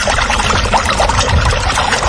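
Water pours in a steady, continuous rush, fairly loud, with a dense splashing texture and no voices for the whole two seconds, in a radio spot for Emasagra.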